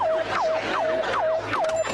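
A warning alarm blares with a rapid, repeating electronic tone that swoops down in pitch and holds, about five cycles in two seconds, loud and steady with no voices.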